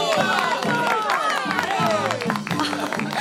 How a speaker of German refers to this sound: Völlig im Bann der magischen Zirkuswelt bestaunt das Publikum nun jede neue Darbietung. Und als endlich die Pferdeprinzessin auftritt, will der Jubel kein Ende nehmen.